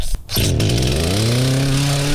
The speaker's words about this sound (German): Die Kettensägen sind in Aktion, denn gestern gab es ja schwere Unwetter und heute werden diese ganzen Unwetterschäden beseitigt.